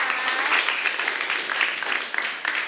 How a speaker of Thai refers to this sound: ปรบมือให้กลุ่มที่1หน่อยค่ะ